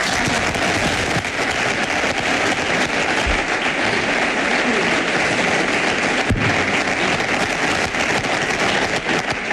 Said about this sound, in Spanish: Aplausos.